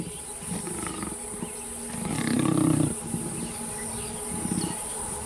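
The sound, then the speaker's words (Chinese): A lion lets out a deep, rough roar that swells loudly mid-clip, framed by lower growls, while a steady high insect drone hums throughout. No one speaks. “有时候大自然的生存法则会让人感到难以接受，狮子可能会杀死花豹，却并不会吃它。”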